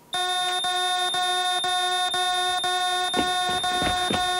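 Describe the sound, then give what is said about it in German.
An emergency call-button alarm, pressed as a trial, buzzes loudly and continuously, a harsh steady electronic tone with a faint regular pulse about twice a second, sounding on its own without any talking. “Wenn was ist, Notknopf drücken”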